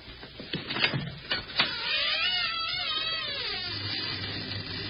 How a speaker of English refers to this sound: Door.